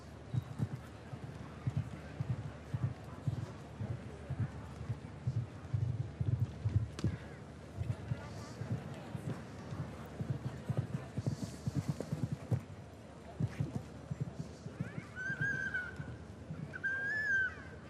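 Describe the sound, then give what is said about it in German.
Rhythmic clip-clop of a ridden show-jumping horse's hooves striking the ground in a steady canter, continuous throughout, with a faint murmur of a voice and a brief high whinny-like tone near the end. “Beim Springen ist sowieso gut, wenn die Nase so ein bisschen oben ist, die Ohren gespitzt, das wachsame Auge.”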